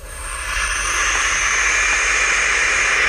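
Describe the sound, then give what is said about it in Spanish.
Barn owl chicks hiss in a loud, steady, breathy rush of noise that spreads across a wide band and holds for about three seconds, like an angry snake's snort. “Es una especie de resoplido como si fuera una serpiente muy enfadada.”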